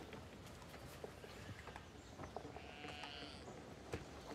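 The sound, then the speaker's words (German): A sheep that has broken its leg lets out one wavering, drawn-out bleat partway through, over a steady rustling background with scattered soft knocks and thuds. No one speaks. “Ein Schaf hat sich das Bein gebrochen, nicht?”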